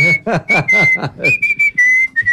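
A grandfather whistles a slow bolero melody, a clear, steady tone that holds and glides between notes, with a voice briefly mixed in near the start.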